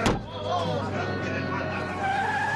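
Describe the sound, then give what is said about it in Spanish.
A car door slams shut once, loud, right at the start, followed by a steady low rumble with muffled voices carrying on underneath. “¡Súbete al carro”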